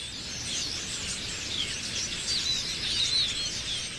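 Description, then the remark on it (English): A dense, continuous chorus of high chirps and twitters from thousands of birds at once, steady, with a few sharper calls rising briefly above the mass of sound: a flock gathering to roost in a cluster of trees near Yingling Aviation, north of the Wichita Airport Control Tower, around 8:30 p.m. under a clear sky in early August. “But one by one, and then dozen by dozen, the birds start arriving from all directions.”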